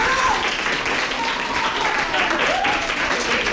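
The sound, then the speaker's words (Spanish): A crowd breaks into steady, dense applause for what three speakers have just said, a loud continuous wash of many hands clapping that lasts throughout, with faint voices calling out beneath it. “Quiero pedir un aplauso para lo que acaban de decir los tres.”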